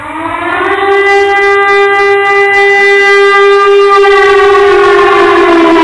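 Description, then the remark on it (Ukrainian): A loud air raid siren wails steadily, its tone rising at the start and then holding a strong, sustained howl for several seconds, with no voices present. “Увага! Повітряна тривога! Усім пройти до найближчого укриття!”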